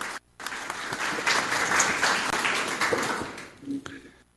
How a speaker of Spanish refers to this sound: Así que, y sobre todo ya concluyendo este segundo taller dentro de este año. Así que un fuerte aplauso para el profesor